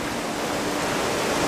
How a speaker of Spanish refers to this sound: Y los pequeños arroyos se han convertido en grandes torrentes. Desembocan en el Vela y causan que el río crezca y se eleve. La fuerza del agua derriba árboles.